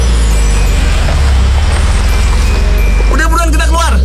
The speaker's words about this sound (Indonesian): Kok ada macet-macetan gini? Cepet dikit bisa gak sih?